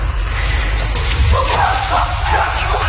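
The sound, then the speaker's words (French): Chimpanzees scream and hoot from left and right while hunting colobus monkeys, a burst of loud, overlapping high-pitched calls over a steady rumble of background noise. “Et là, on entend les chimpanzés qui crient à gauche et à droite.”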